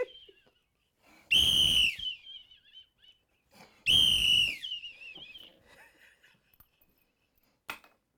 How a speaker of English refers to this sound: I'll blow my whistle, tell my throat hoarse.